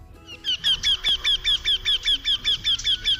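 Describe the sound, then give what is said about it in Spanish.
Eurasian wryneck song: a rapid, even series of about a dozen loud, nasal, ringing 'quee' notes, repeated steadily, with no voices. “Es el torcecuello, y este es su canto.”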